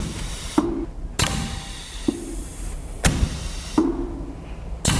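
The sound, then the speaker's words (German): A pneumatic valve clacks open and shut about six times at an uneven pace, each sharp click followed by a rush of hissing air and a low mechanical hum. No one speaks. “Hier hört man so ein Ventil klappern, wie es Luft durchlässt.”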